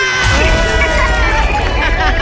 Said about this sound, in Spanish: ¡Aplauso enorme!